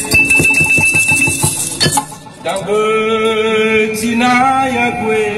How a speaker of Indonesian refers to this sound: Feta batu adalah alat musik yang terdiri dari sejumlah batu yang dapat menghasilkan nada tertentu. Alat musik yang hampir punah ini ditemukan secara tidak sengaja oleh budayawan sekaligus seniman Nias Selatan Hikayat Manai.